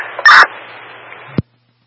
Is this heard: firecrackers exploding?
no